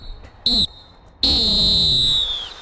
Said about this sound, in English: And I think it's time to blow the halftime whistle.